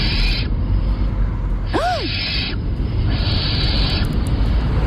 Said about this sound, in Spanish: A ver, puede ser un gato, una lechuza común, una culebra ibérica o un mandril. ¿Y esto es común? Lechuza. Una lechuza.